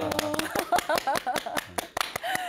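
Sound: loud hand clapping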